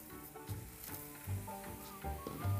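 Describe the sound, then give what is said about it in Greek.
A pot of vegetables begins to boil, with a steady sizzling hiss and soft low bubbling thuds popping up every second or so. No one speaks. “Παρακολουθώ στα λαχανικά έχουν αρχίσει να βράζουν.”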